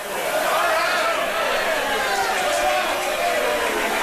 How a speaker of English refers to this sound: As the Georgia fans boo, I'm not sure why they're booing. They're up 6-0 over LIU. The only thing I can imagine is if some umpire thought one of the base runners there missed a plate rounding the bases.